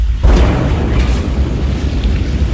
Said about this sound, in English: Other views of the explosion show the blast turning night into day, sending a massive shockwave rippling through the air. The sound of the explosion taking nearly a minute to reach the camera.